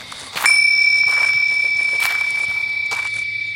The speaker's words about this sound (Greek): Τα ακούσαμε όλοι αυτό, έτσι? Ναι! Πώς γίνεται να χτύπησε κουδουνάκι? Πώς είναι δυνατόν?